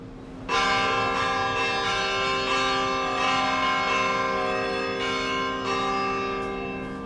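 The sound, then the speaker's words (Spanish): Church bells ring out in a loud, continuous peal, overlapping strikes keeping a dense shimmering wash of tones that sustains steadily with fresh clangs every second or so. “Y este repique de campanas nos recuerda que en América Mágica, en Radio Clásica, ha llegado ya el momento de adentrarnos en el excelso tesoro del barroco colonial que se custodia en las catedrales y en los archivos de Iberoamérica.”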